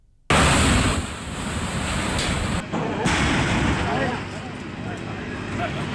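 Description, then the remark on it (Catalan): Loud, steady roar of a night fire in an industrial building of a company producing chemical hygiene products in Montserrat, Ribera Alta (Valencia), with crackling and rumbling, mixed with the clatter and hiss of firefighters' extinguishing work, starting abruptly and continuing for several seconds without a break. “Este soroll és el de les flames i dels treballs d'extinció d'esta nit.”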